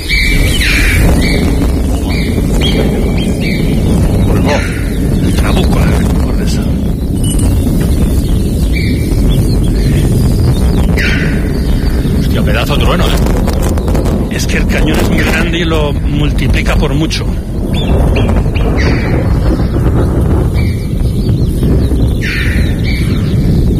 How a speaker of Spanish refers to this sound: El Trabuco de Ordesa, donde retumba el trueno, gritan las chovas, las marmotas, las aves y los animales de alta montaña, pero sobre todo el escenario lo rellena el retumbo, el sonido, la retumbancia, si tal palabra existiera, del trueno.